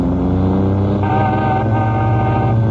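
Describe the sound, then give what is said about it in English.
A sports car's engine rumbles loudly, its pitch shifting as it slows and pulls up, with no voices over the steady motor noise. “Hey, where'd you get that sports car?”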